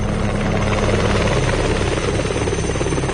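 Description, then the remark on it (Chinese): A police helicopter with its searchlight on drones steadily overhead as it flies low and slow along a coastline, its dense rotor chop and engine whine filling the whole clip at a constant, fairly loud level. “警用直升机开着探照灯，沿着海岸线低空慢速掠过。”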